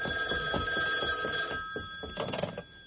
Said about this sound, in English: Wait. I think I hear the telephone. Let it ring. Oh, I better answer it. It might be the office.